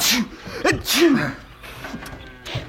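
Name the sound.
sneeze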